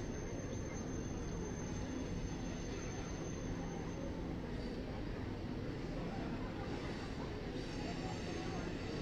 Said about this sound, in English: Train goes screeching by as Gregory Barrios stands in